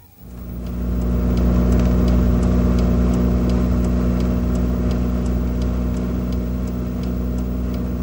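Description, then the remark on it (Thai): Cars passing on the Chiang Mai–Lamphun road in Thailand: a steady, low motor-vehicle rumble with a constant engine hum and road noise starts after a brief quiet moment and holds at an even loudness throughout, with no voices. “นี่คือถนนสายเชียงใหม่ลำพูน”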